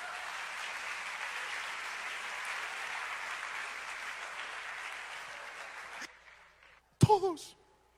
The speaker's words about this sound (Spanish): Eso merece un aplauso, por favor.